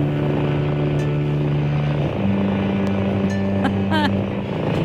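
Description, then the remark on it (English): Calm music made for cats, built on a low, steady rumbling drone that resembles a cat purring, shifting pitch once partway through, with a few brief high chirping sweeps near the end. “Sounds like a purry cat, doesn't it?”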